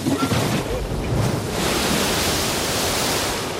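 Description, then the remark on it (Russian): A loud, steady roar of stormy sea waves with gusting wind, a dense rushing wash that swells slightly and never lets up, with no voices over it. “Лодка, не будучи в состоянии по причине бури выдержать столько народу, пошла ко дну, и все погибли.”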